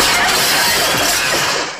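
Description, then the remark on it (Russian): A chair is accidentally smashed through a glass window: a loud crash of breaking glass, a dense shattering burst that rings on for nearly two seconds before quickly fading out, with no voices. “Семен Семенович случайно разбивает стулом окно.”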